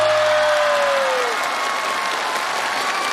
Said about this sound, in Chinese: 再次把掌声送给我们的北京化工大学国家重点实验室的外籍教授 David。